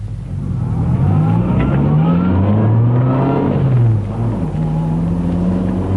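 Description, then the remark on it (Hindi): A car engine revs hard and accelerates, pulling away from a traffic light as the driver is urged to go faster, its pitch climbing and dropping through gear changes in a loud, sustained roar with no voices. “और अब तेज चलो, फास्टर फास्टर फास्टर”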